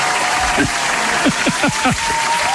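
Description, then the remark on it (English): A crowd applauds in a dense, steady wash of clapping, with several short, falling vocal whoops rising above it. “I got to give him a bit of a round of applause for saving the day again.”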